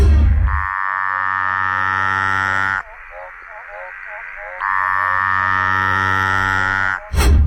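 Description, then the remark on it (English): A loud Litoria tree frog gives two long, droning harmonic calls, each lasting a couple of seconds, separated by a brief softer warbling stretch, with a short burst at the end. “Okay, this one's definitely one of the Latoria frogs. Mm-hmm. So a tree frog-based frog.”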